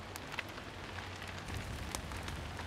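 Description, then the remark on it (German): Steady rain patters on a hard surface, a dense continuous hiss with scattered sharper drops ticking through it and a low rumbling undertone, no voices present. “Ob es zu Hause auch regnet?”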